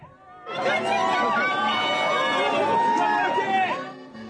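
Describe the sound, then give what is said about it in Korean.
Outside a hotel in Monterrey, Mexico, under hot sun, a dense crowd of local Koreans erupts in loud, sustained cheering, excited shouting and camera shutter clicks as South Korea's national football team steps off its bus, after a brief quiet start, many overlapping voices rising and falling together, continuous for several seconds. “이윽고 대표팀 선수들을 태운 버스가 도착하고 선수단이 내리자 환호와 카메라 셔터음이 쏟아집니다.”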